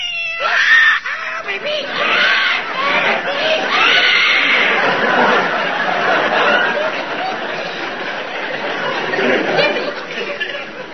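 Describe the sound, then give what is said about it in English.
A cat caterwauls loudly, a long run of wavering, rising and falling yowls that barely pause for about eleven seconds, with squawky, screechy outbursts mixed in. “you're a naughty little pussycat.”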